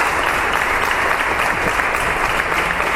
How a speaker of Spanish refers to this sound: El Pleno se iniciaba con un minuto de silencio en muestra de respeto y recuerdo hacia el exregidor fallecido el pasado domingo. El minuto se rompía con un aplauso por parte de la corporación.